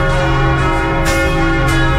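Church bells in Jequié, played on Jequié FM radio at 11:36, ring loudly and steadily to announce the hour of grace, their long humming tones overlapping as fresh strikes land about every half second, with no voices present.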